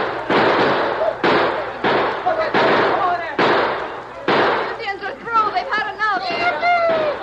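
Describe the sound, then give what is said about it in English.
A rapid series of sharp, loud rifle shots, fired by men defending against an attack, cracks out in quick succession, followed by a sustained volley under excited shouting voices. “They're shooting at those redskins. Come on, man. Shoot for all you're worth.”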